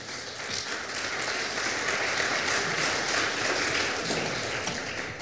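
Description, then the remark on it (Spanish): A crowd applauds steadily throughout, a dense wash of many hands clapping at once with no voices standing out, sustained at an even level for several seconds. “Un aplauso, por favor.”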